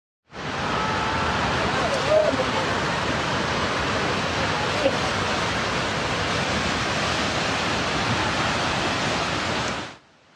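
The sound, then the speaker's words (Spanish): A loud, continuous roar of rushing floodwater from an overflowing river in Nepal surges steadily for about ten seconds, dense and unbroken, starting and stopping abruptly with no pauses in its churning flow. “Inundaciones arrastraron viviendas y destruyeron al menos 5 puentes, pero véalo usted.”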